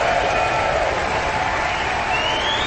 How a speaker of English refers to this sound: they're enthusiastically applauding and whistling this final performance of the Aspen Music Festival season